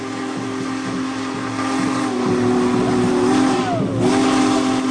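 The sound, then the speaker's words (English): A Big Boy steam locomotive's powerful whistle blows a long, loud, sustained chord that echoes across the landscape, audible from a mile and a half away, with a steady hiss underneath and a brief dip in pitch near the end. “you don't have to get too close to hear Big Boy's powerful whistle echo across the landscape”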